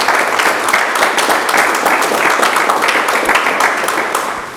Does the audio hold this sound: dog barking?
no